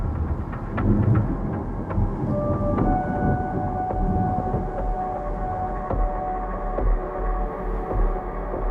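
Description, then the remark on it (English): Deep rolling thunder rumbles through a steady night storm, heavy low booms swelling and fading over continuous noise, with faint rain in the background and no voices. “Thunder claps, and lightning streaks across the night sky.”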